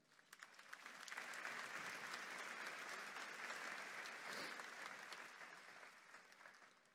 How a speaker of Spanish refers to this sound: Un aplauso para esta familia.